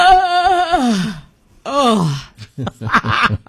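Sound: big yawn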